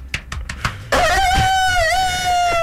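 A few quick taps, then a loud, drawn-out rooster crow that holds a wavering pitch until the sound cuts off, with no talking over it.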